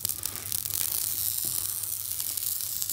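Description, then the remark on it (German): Potatoes sizzle and crackle steadily as they are fried in a little oil in a well-coated frying pan, a continuous frying hiss with a faint low hum underneath and no voices. “Dann braten wir die ganzen Kartoffeln erstmal an.”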